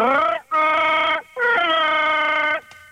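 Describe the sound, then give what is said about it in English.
A man vocally imitates a growling, howling sci-fi creature roar, loud, in three bursts: a short opening cry followed by two long, wavering, throaty roars. “Give us your Chewbacca, mate.”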